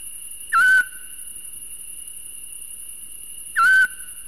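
A Eurasian scops owl gives two short, mellow whistled hoots, evenly spaced about three seconds apart, over a constant high-pitched insect drone and a faint steady tone.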